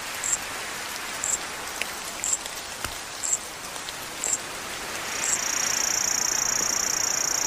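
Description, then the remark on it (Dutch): Steady, hissing rainfall fills a reconstructed Jurassic soundscape of 165 million years ago while a high insect chirps at a regular beat, giving way near the end to a continuous shrill buzzing trill over the rain; the insect sounds were recreated from fossil remains by English and Chinese scientists. “Ja, 165 miljoen jaar geleden hoorde je dit dus. Als je hier rondliep, ook regen.”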